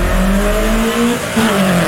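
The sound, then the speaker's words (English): A race car engine revs loudly, its pitch climbing and sliding in a continuous throaty whine, with a faint tire-squeal edge and no voices. “Start your engines. It's time to rev up.”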